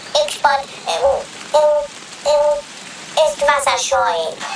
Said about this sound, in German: Wir können ja nicht warten, bis der Regen aufhört. Es regnet immer noch wie aus Eimern.